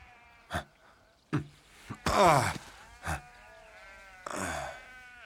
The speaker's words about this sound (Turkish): Koyunların arasında İskoçya'da mıyız?